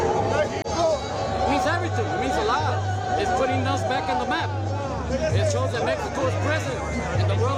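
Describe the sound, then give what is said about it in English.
A crowd of Mexico football fans celebrates outside a stadium after a 2-0 World Cup win against South Africa: dense, lively babble of many voices, loud and unbroken, over a steady rhythmic low pulse repeating throughout. “Fans of the tree, named after the three colours on the Mexican flag, celebrated a successful start to the third World Cup that the country's hosted.”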